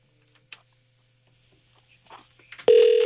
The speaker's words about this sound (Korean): 신호가 가고 있습니다. 자, 신호가 가고 있습니다.